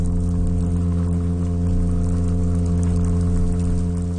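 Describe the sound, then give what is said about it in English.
A small olive-brown, golden toadfish's sustained underwater call: a steady, low droning hum with a rich stack of buzzy harmonics, holding at an even pitch and loudness throughout with no pauses and no voices. “You wouldn't know that it could do a feature-length sea fart.”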